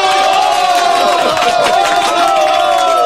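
A crowd of villagers applauds and cheers loudly and steadily at a celebration of a new bridge's completion and a couple's wedding, a dense wash of clapping and voices with some sustained bright tones running through it.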